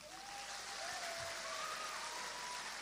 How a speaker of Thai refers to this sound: เราขอเสียงปรบมือต้อนรับพี่อนุชาประธานครับ